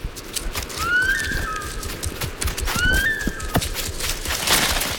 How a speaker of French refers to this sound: le danger est proche, car elle pousse son cri d'alarme. c'est un sifflement spécifique qu'on entend jusqu'à 1 kilomètre à la ronde.